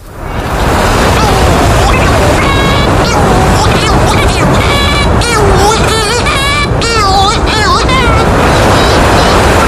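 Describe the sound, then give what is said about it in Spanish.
A pair of shearwaters trade loud, wailing, wavering calls at a burrow on a sea cliff: the female incubating inside and the male arriving from the sea. Their calls overlap in an excited back-and-forth over a steady roar of surf and wind. “Y delante de una madriguera que se asoma al acantilado, vemos el pico de la pardela y el diálogo entre la hembra que está dentro incubando y el macho que viene del mar.”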